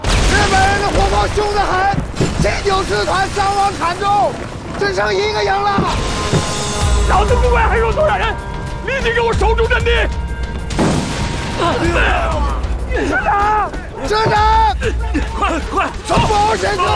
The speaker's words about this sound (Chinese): 鬼子的炮弹已经打到老子指挥部了，你要敢后退一步，老子毙了你！